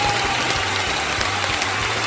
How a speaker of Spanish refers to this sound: ¡Un gran aplauso! ¡Bravo! ¡Gran aplauso!